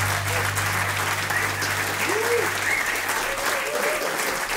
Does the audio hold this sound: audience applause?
yes